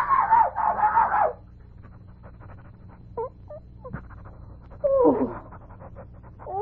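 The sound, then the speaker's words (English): A small dog named Pom-pom yaps in a quick, shrill flurry, then pants softly through a quieter stretch before letting out another sharp burst of yelping near the end. No one speaks. “Call to your dog.”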